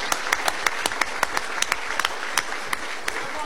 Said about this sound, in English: Please give him a round of applause for the extraordinary race that he ran.